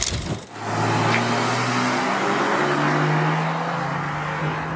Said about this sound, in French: Petite déflagration à chaque changement de rapport, t'as vu ? Levée de pied. On est en mode sport, mais ça crépite très légèrement. C'est... Ouais. C'est un crépitement très british, tu vois.